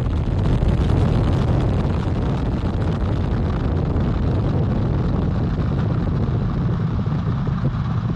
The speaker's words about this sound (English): Engines on the core stage and two solid rocket boosters now propelling the vehicle at 128 miles per hour.